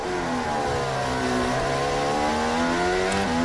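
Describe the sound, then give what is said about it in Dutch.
Loud racing engines roar continuously at turn 5 of a race circuit, their pitch sweeping up and down as several cars accelerate and pass, with layered harmonic whines and no voices. “Hier rijden de auto's dus eigenlijk links en rechts van elkaar.”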